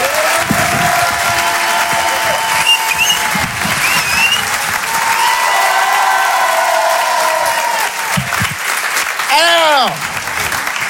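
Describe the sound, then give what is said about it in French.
A large audience at the Rire et Chanson Comedy Club bursts into loud, sustained applause welcoming comedian Edgar Yves, with scattered cheers and a rising whoop near the end. “Je vous demande de faire un maximum de bruit, un tonnerre d'applaudissements pour Monsieur Edgar Yves.”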